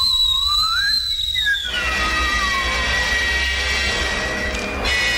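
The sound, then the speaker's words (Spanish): A loud, shrill whistle of a fireball slowly rising from the ground and heading toward Cerro Azul climbs in pitch, then holds steady over a broad roaring rush that fills the rest of the few seconds, sustained with no voices. “Y luego el ángel Bitter se encerró en un costal, encendió una vela y al instante se formó una bola de fuego que lentamente se levantó del suelo y con un fuerte silbido siguió rumbo al Cerro Azul.”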